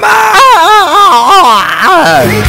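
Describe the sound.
A loud, warbling Tarzan-style yell imitation: a single voice yodels in a rapid up-and-down pitch oscillation for about two seconds, then breaks off into a lower, trailing note.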